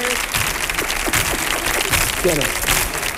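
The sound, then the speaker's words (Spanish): Steady, dense, loud applause from a live audience for the show of Comandante Lara on Canal Sur Radio fills the whole stretch, with faint shouts and voices mixed into the clapping. “un aplauso para el show para del Comandante Lara.”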